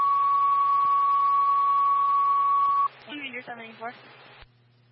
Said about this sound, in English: Stand by for tones on call 3 for heart problems.